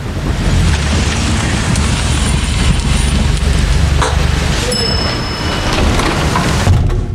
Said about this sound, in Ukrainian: Дощ лишається за дверима.